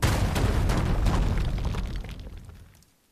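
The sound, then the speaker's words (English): A loud, rumbling explosion sound effect used as a station liner for radio station WCSF 88.7 FM Joliet, with crackling bursts, sustained for a couple of seconds before gradually fading away to silence. No voices are heard. “What if we just say the station's name and then you hear some explosions like...”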